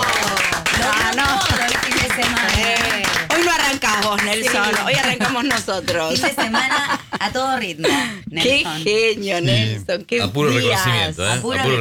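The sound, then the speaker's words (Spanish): Loud, steady applause on the radio show Vamos Rivadavia runs throughout, a dense patter of many hands clapping, with chuckling, laughter and excited voices mixed in over it. “Hoy aplausos, ¿no?”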